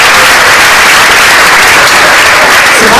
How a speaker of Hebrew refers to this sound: איפה כפיים